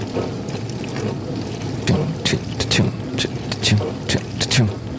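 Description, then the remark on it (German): Water from a dishwasher's rotating spray arm drums against a metal baking tray each time the arm passes, in repeated splashy bursts roughly every half second, over a steady low hum and murmur of running water. “In der Spülmaschine drehen sich solche Arme, aus denen Wasser spritzt.”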